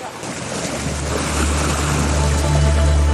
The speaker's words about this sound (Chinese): 开海的喜悦伴随着马达轰鸣响彻渔港，大大小小的渔船一起驶出码头，迎着海风奔赴辽阔的南海，收获属于大海的丰厚礼物。